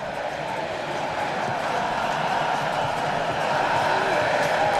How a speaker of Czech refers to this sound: Slyšíte, jaký ohlas to vzbudilo, píská se na Riedra, který netrefil vůbec prostor, který chtěl.